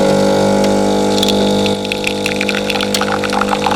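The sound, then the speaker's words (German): A coffee machine brewing at full power at the start of a new workday, its loud, steady pump drone humming with a buzzy tone while hissing, gurgling bursts of liquid spurt over it; no one speaks. “Wenn die Kaffeemaschine Vollgas gibt, dann starten wir in einen neuen Arbeitstag.”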